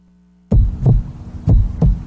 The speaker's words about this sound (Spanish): Si sientes mareos o palpitaciones, no lo dejes pasar. Cada latido cuenta y en tus manos está cuidarlo.